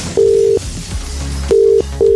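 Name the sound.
telephone dialing tone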